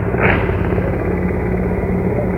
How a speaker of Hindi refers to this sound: और इस समय आकाश आकाश में जो स्वर हमें सुनाई दे रहे हैं, ध्वनि सुनाई दे रही है, वो उन हेलीकॉप्टर्स की है जो पुष्प वर्षा करते हुए लाल किले के प्राचीर के ऊपर से गुजर रहे हैं और लोगों की निगाह उसी आसमान की तरफ है।